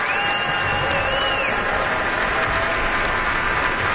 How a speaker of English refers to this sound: Both Deneuve and Joachim are applauding him. And now all three have turned around once more to applaud in unison.